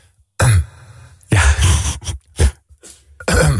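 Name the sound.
imitated coughing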